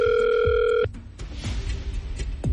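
A steady telephone tone sounds for under a second, then cuts off, leaving a quiet line with faint clicks and low rumbles as a call connects.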